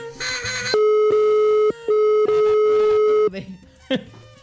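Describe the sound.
A loud, steady telephone call tone of an outgoing call drones in long stretches, briefly cut twice, with a short burst of voices at the start and faint noise trailing after it ends.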